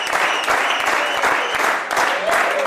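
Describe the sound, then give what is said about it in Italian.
Delegates applaud their newly elected government councillor, Valerie Favre Accola, in a dense, steady burst of many clapping hands, sustained at an even, fairly loud level for about three seconds without letting up. “I plagier ad eri applaus per l'ur novcernida consigliera governativa Valerie Favre Accola i sto grand.”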